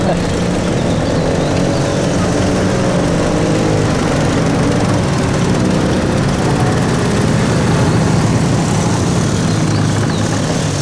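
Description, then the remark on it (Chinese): Loud, steady roar of several motorcycle engines of a headquarters special-agent squad's motorcycle convoy running together, a dense droning rumble that holds for the whole stretch without fading. “这摩托车队很威风啊，看着阵仗是一点没把兄弟你放在眼里啊。”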